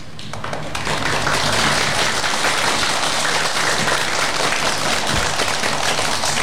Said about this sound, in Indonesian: Kita akan bergembira bersama melalui berbagai penampilan dari 7 RA di Kecamatan Balerejo. Mari kita beri tepuk semangat untuk semuanya.